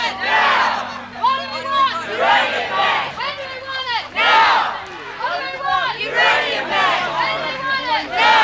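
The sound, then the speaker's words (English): A large crowd of protesters, circling a high-security fenced area at a mine site and holding balloons and banners, chants in loud, rhythmic bursts of many voices shouting together, repeating in waves with brief dips between, a steady low hum running underneath. “Protesters have formed a circle around the high security area, and they're now moving around, most people holding balloons and banners and chanting, as you can hear in the background.”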